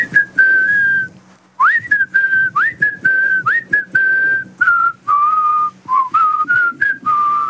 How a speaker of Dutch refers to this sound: Wij proberen jou fluitend aan jouw heel extreem warme dag te laten beginnen. We zullen het goede voorbeeld geven. Ja, hier komt mijn fluit. En 1, 2, 3 en...